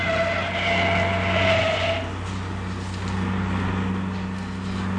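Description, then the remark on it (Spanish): A car speeds along a highway in the state of Texas toward the state border, its engine droning steadily with a louder whine at first that settles into a constant rumble of motion. “Corriendo locamente por las carreteras del estado de Texas, el auto”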